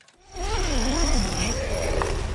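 A tent zipper being pulled open: one continuous, raspy scratching that lasts about two seconds, steady and fairly loud, with no voices.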